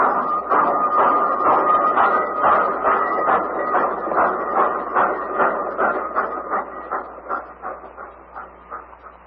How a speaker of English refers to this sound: Hopping trains is always part of your scheme, Pat. But this is one train you're missing.